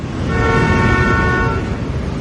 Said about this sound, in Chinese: 乱鸣笛是不文明的行为。